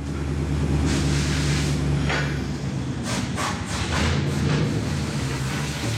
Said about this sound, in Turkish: Marşta zorlandığını duyuyor musun? Evet kardeşim. Bu gerçekten soğuk ve büyük bir blok motoru. Şu anda gaz vermemi pek sevmedi. Çalışmaya başlamakta zorlanıyor.